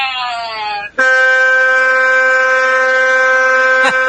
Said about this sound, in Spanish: Y si lo dejamos, se le pega de largo, ¿no? Con la bocina.